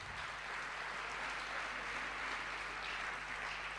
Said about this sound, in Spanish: Bueno, muchas gracias. Un fuerte aplauso para los compañeros de sonido, de las luces.